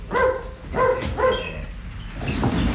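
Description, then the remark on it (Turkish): A dog barks three times in quick, evenly spaced succession, loud, followed by a moment of quieter background noise with no one speaking. “köpeği alıp gidecek de sen ona engel olamayacaksın ha.”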